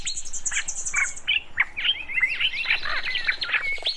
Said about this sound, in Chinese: 他只睡了一会儿，就被鸟叫声吵醒。